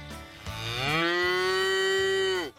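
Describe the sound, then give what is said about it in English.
A single long, loud cow moo, rising in pitch and then holding steady for about two seconds before cutting off, presented as the first contestant in the Inspire FM Animal Talent Show. “And our first contestant is a cow.”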